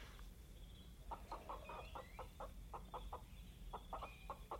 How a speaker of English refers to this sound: We shall take this chicken and we shall offer it to the Oak Noble.